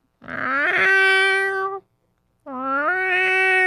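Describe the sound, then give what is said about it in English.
A person imitates a cat into a microphone with two long, drawn-out meows separated by a short pause, the voice loud, rising then sliding down in pitch. “I can do my realistic meow on mic.”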